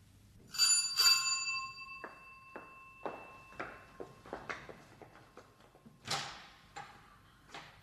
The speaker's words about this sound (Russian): В первый раз я не успела открыть вам дверь до того, как вы позвонили.